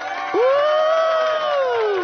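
A crowd cheers, led by one long, sustained whoop that rises, holds steady for well over a second, then slides down, over a dense murmur of voices. No distinct clapping stands out.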